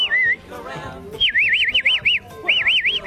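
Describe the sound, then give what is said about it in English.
A person whistles loudly to call up cattle, sending out quick warbling, rising-and-falling trills in a few bursts separated by brief pauses, with faint background noise underneath. “I've whistled dogs, I've trained horses and dogs and cattle and all those sorts of things. Whistle up the cattle for me.”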